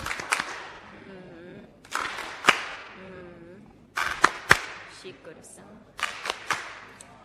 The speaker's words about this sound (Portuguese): Palmas carinhosas.